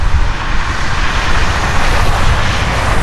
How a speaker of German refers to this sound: Tja, das ist leider nicht das Meer, sondern die Straße.